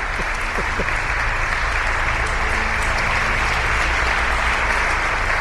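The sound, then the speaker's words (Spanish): Steady applause from a group for the producer of a Cadena SER radio programme, a dense continuous patter of clapping at an even loudness throughout, with no talking over it. “Un aplauso para ella, que me está diciendo que no, pero solo me hace falta que diga que no.”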